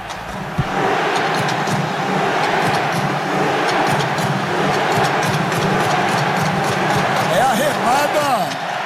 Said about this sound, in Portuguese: É a remada da torcida norueguesa ontem. Bonito espetáculo, hein? Muito legal.